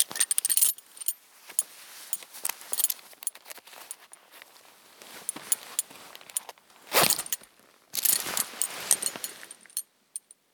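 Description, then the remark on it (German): A bunch of keys jangles in bright, metallic bursts, shaken and rattled intermittently with a few louder clusters of clinking and short quiet gaps between them. No one speaks. “Sie nimmt den Schlüsselbund, schlägt einmal zu und sagt laut ihr Geburtsdatum, weil sie nicht sterben will.”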